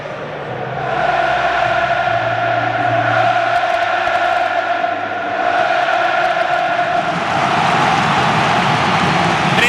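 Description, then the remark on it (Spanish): A huge crowd at La Cartuja stadium in Seville, home of Real Betis Balompié, roars continuously during the home team's anthem with scarves unfurled, a steady chanting or singing tone running through the dense, loud din. The noise eases briefly midway, then swells again. “Ahí el rojo y el amarillo, es espectacular lo de la Cartuja, sonido ambiente del estadio del Real Betis Balompié de Sevilla.”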